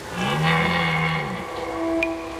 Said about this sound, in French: Pendant la saison des amours, les brames du cerf retentissent dans toute la forêt. C'est un cri très particulier, un son rauque. Dans la nuit, il pourrait presque donner la frousse.